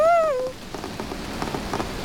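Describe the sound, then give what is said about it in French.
Steady rain patters down from a grey sky with soft, irregular drops, starting just after a brief high, gliding tone at the very beginning. The rainfall is moderately loud, with no voices. “Tiens, voilà la pluie.”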